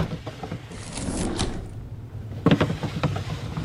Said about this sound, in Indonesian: Ia pun membuka satu persatu laci meja.